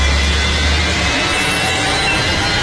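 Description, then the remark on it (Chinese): A loud, steady roar of airplane engines during takeoff as the plane leaves Memphis, a broad rushing drone with deep low rumble and a high whine riding on top, continuous throughout with no voices. “乘飞机离开了孟菲斯”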